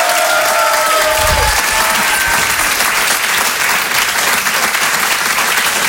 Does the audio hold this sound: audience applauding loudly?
yes